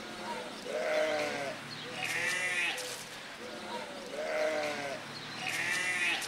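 Guinea pigs at a petting zoo squeal insistently as food is brought to their enclosure, a repeated run of shrill, rising whistles coming in rhythmic bursts, fairly loud, with no one talking.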